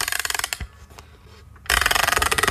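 A music box is wound up: rapid, even ratcheting clicks in a loud burst, a brief quieter pause with a few soft ticks, then another steady run of crisp clicking.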